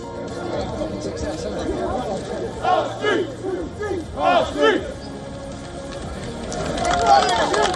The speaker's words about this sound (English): mass protesters block passage leading to the port of Dewa, chanting stop the boats, reigniting tensions over immigrants at the main hub for ferry crossings with France.